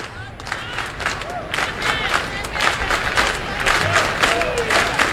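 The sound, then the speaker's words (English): A large baseball stadium crowd cheers and roars steadily for about five seconds as the home team strings together hits in an inning, a dense wash of voices with rising whoops and shouts, loud and sustained without a break. “Crowd into it.”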